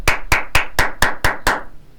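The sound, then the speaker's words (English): Seven sharp hand claps in a steady, even rhythm, each a crisp, bright smack with a short decay, loud and alone with no talking, followed by a brief quiet tail. “Let me clap for you.”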